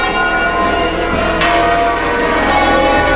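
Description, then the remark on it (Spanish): Church bells of churches in Madrid, Spain ring out continuously in a loud, dense wash of overlapping metallic tones, with a sharp fresh strike partway through and long shimmering resonance filling the whole stretch. “De Madrid han sonado las campanas de las iglesias de la capital y de buena parte de la comunidad.”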